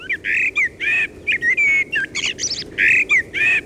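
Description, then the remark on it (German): A common blackbird sings in a steady run of varied, fluty warbling phrases with short pauses between them, some notes rising high and a few scratchy twitters mixed in. “Auf Platz 1 die Amsel.”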